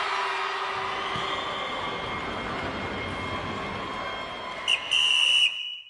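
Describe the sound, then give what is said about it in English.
A steady roar of crowd noise fills the background, then a referee's half-time whistle cuts through near the end: a quick short toot followed by a longer, loud, shrill blast. “The half-time whistle blows and Luna's head is in her hands, unable to ignore the shouts and boos from the stands.”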